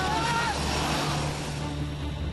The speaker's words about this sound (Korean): 드디어 경비행기에 탑승합니다. 이륙 후 단 25분 만에 고도 3,000m 상공으로 날아오릅니다.